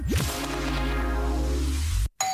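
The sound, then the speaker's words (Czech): A bright ringing jingle for a Hit Radio money game, opening with a quick swooshing sweep, then holding sustained bell-like tones for about two seconds before a brief cutoff and a short final chime. “Slyšíš to? Takhle. Zvoní peníze. Kdo pak to zvoní?”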